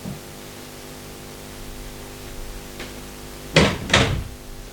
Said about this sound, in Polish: Teraz proszę Państwa zamknę drzwi.